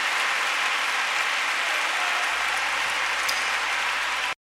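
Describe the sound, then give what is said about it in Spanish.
Sustained crowd applause for the King of Kings, a dense, steady wash of many hands clapping at even loudness for about four seconds with no voices, then it cuts off abruptly into silence. “¿Por qué no le damos un aplauso al Rey?”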